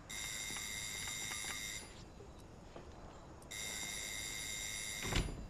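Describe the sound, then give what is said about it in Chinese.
A phone rings with an incoming call from a daughter, its electronic ringtone sounding in two steady, bright bursts separated by a short pause, clear, with a soft thump near the end and no talking. “你女儿电话。”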